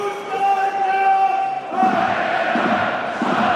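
A large football stadium crowd of Heidenheim fans cheers and chants steadily, encouraging their team just relegated from the Bundesliga, with no whistles or boos: a sustained roar of many voices with a sung tone early on, swelling louder about halfway through and continuing as a dense, supportive din.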